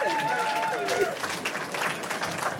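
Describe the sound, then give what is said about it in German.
A crowd at a live Radio 1 broadcast from the Park am Gleisdreieck claps in a dense, steady patter of applause, with voices calling out and chattering over it throughout. “Ein bisschen Applaus. Ja, packt es.”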